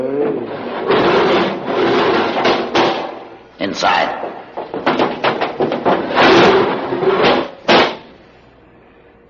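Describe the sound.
A heavy door grinds and clanks open, then shuts with a loud slam, amid mechanical rattling. A voice speaks briefly partway through.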